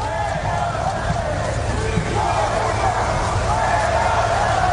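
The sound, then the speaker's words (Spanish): A large crowd at the Plaza de Cánovas del Castillo boos the President of the Government as he gets out of his official car and heads to the authorities' stand: a loud, dense, sustained wall of low jeering voices that swells slightly in its second half, with no single speaker standing out. “Un presidente del gobierno que un año más ha apurado su llegada unos segundos antes de los Reyes para evitar así los posibles abucheos o al menos minimizarlos, pero sin éxito.”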